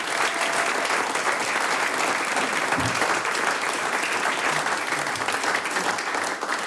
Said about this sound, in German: Applaus für den gemischten Chor Bad Leupersdorf.